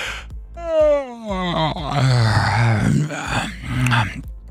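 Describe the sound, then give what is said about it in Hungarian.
A long, drawn-out voiced yawn with a pitch that slides downward, followed by further groaning yawns, with no words spoken. “Na, drága hallgatóinknak, kíváncsiak vagyunk, hát ásítunk.”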